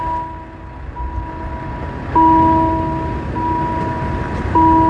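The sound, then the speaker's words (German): A steady electronic railway level crossing warning tone played through a loudspeaker sounds in repeating pulses with a few fixed pitches, growing louder partway through over a low rumble of background noise. No one speaks. “Ja, jetzt ist es einfach nur noch ein Lautsprecher, der einen Ton abspielt.”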